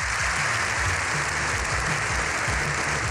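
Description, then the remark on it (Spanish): A seven-minute ovation in the Congreso (parliament) during the Pope's visit: sustained applause from a large crowd, a dense, steady wash of clapping that stays loud and unbroken throughout, with a low murmur of voices underneath. “Y así 7 minutos de ovación.”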